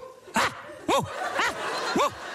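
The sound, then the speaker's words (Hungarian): Four sharp dog barks or yips spaced about half a second apart, each with a rising-falling pitch, ringing out over a steady background hiss. “élő kutya orgona, mert kutyát sétáltatni, az egy polgári csökevény, senki nem sétáltatja a kutyát”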